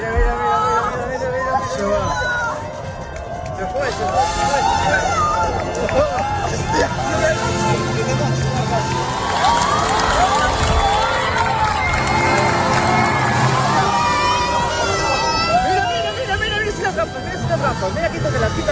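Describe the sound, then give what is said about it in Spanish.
A large crowd at the Torre de Hércules in La Coruña, Spain, shouts and cheers continuously during a total solar eclipse, many voices overlapping in a loud, excited roar with rising whoops and cries that swell around the middle and stay dense throughout. “Escuchábamos los gritos de esas personas en la Torre de Hércules, en La Coruña, también en la playa de Salou”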